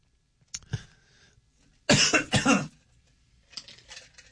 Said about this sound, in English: Clear your throat. Oh man.